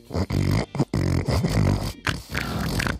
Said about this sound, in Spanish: A ver, eso del cerdo que dices, el sonido del cerdo, que es más o menos esto.